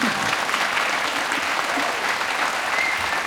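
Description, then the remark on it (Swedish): A live audience at a theatre in Stockholm applauds steadily, a dense wash of many hands clapping at even loudness throughout, with no talking over it. “Kommande 2 timmar, en applåd.”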